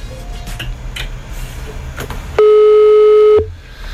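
A steady electronic telephone ringback tone sounds once for about a second, loud and clear, over a faint background hum, then cuts off abruptly.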